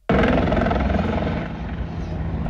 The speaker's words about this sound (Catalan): Amb este helicòpter, els bombers d'Alacant rescataran un escalador ferit durant la pujada al penyal d'Ifà, que a Calp tenia fractura en la cama